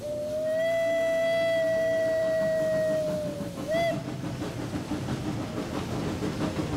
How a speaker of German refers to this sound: Aber unsere Dampflok schnauft unbeirrt durchs Tal.